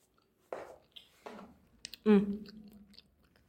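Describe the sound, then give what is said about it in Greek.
A voice imitates crunchy chewing and munching with a few short mouth bursts, mixing crunch-like syllables and wet smacking in a loose rhythm. “ακούστηκε ένας ύποπτος θόρυβος. Κράτς, κρούτς και μασουλήματα.”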